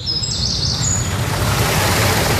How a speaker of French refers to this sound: Au chant des oiseaux se mêle désormais le murmure de l'eau. Longtemps asséché, le petit étang a retrouvé son niveau d'antan. Il est alimenté par la cascatelle fraîchement restaurée.